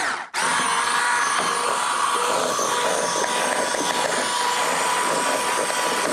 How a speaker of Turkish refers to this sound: Burada kremayla peyniri ben bir güzel şöyle... Köpürteyim vanilyamla.